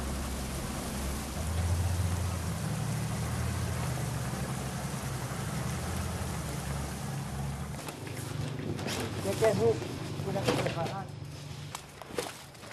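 Heavy rain pours down in a steady, dense hiss at Dakjeung (닭증), where the truck Doisankhang has just arrived, with a low engine rumble underneath; toward the end, sharper splashes and knocks break through the downpour.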